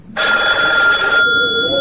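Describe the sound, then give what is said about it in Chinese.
A telephone bell rings loudly and suddenly in a building of a dark residential compound at night, a sustained metallic trill lasting about a second before cutting back to a softer lingering ring tone. “电话铃声猛地在一个楼里骤响，随着电话铃响，楼里亮出了一窗的灯光。”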